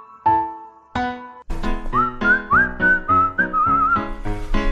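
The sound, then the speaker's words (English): People whistle a tune: the melody rises and wanders over steady, punchy musical chords, clear, with no one talking. “Looks like our whistling accidentally summoned the Prince of Darkness.”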